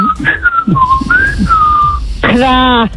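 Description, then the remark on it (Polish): A woman whistles in a series of short gliding notes, like a birdsong imitation, then ends with a brief buzzy, nasal call that sounds like a voiced crow. “Jedzie do pracy i chciałam tutaj kukuryku. Może za gwizdę.”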